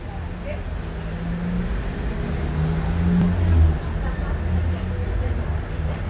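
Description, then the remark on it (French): A steady low rumble of city traffic on Boulevard Saint-Germain, with motorbikes, vans, an orange deux chevaux car, a taxi and a number 63 bus; engines drone continuously and one vehicle swells louder as it passes before the hum settles back. “Boulevard Saint-Germain, une moto, une camionnette, une deux chevaux orange, un taxi, deux camionnettes, trois camionnettes dont une bleue, le 63, une moto...”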